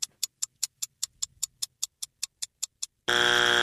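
A steady run of about fifteen quick, crisp ticks like a countdown timer, then a loud, harsh quiz-game wrong-answer buzzer blares abruptly and holds. No voices.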